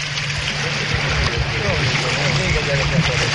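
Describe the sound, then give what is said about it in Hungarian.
A boat speeds up as it pushes through water in windy weather, with a constant low engine drone under a broad rush of wind and spray that stays loud for the whole moment. “Most nagyon megy. Jó, jó gyorsul a hajó.”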